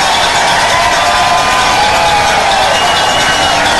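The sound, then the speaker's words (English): A large sellout stadium crowd at a Mississippi State baseball game roars in a sustained standing ovation for a departing left-handed pitcher who tips his cap. Dense cheering and clapping blend into a steady, loud wash of noise with no break, no voice standing out above it. “And listen to the ovation for the left-hander who tips his cap, showing his appreciation to this sellout crowd here tonight as he rides off into the sunset.”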